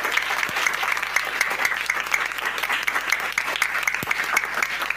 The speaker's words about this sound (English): A round of applause.